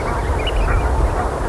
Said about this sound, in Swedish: att vara gäss är det ändå ett ganska behagligt ljud faktiskt. Det är ju ett otroligt prat hela tiden i flocken där de kommunicerar om Gud vet vad.